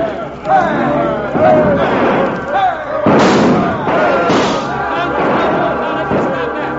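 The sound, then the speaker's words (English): A rowdy crowd in uproar during a bloodless riot in the street: many voices shouting and yelling over one another in a dense, continuous din, punctuated by sharp bangs and thuds, loud from start to finish. “the judge, looking out of his office window and not finding anyone with a badge or otherwise attempting to stop this bloodless riot, slammed his window and stalked down the street toward the scene of the disturbance.”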